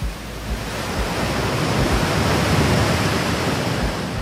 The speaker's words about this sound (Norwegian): Hvordan lyder en ø? Ja, der er nok bølger.